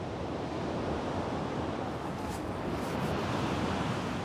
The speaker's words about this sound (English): The water temperature is 8 degrees. His swim between the islands would be impossible with these waves.